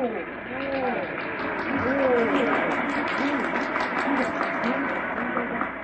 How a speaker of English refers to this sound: Well, the crowd's murmuring now. They've fallen somewhat silent. Something coming.